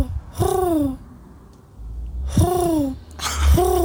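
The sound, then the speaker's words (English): A person imitates a bird call, giving three breathy, swooping hoot-like cries with falling pitch, spaced a second or two apart, fairly loud. “Okay, can you guess your decoding birdsong collaborator pretending to be a bird?”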